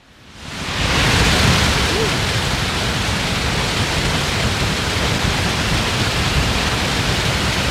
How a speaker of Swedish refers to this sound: Ja, så här har det låtit under ekot här för bara några minuter sedan när det har forsat på. Fallens dagar i Trollhättan, där man nu då öppnar de stora, ja, vad kan det vara, betongfundament kanske på något sätt, och det bara vräker ner och ut vatten,